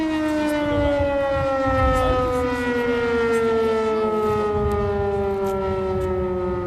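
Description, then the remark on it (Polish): An air raid siren wails steadily for several seconds, its loud tone slowly sliding lower in pitch as it winds down, over a low rumbling background with no voices. “Alarm się kończy.”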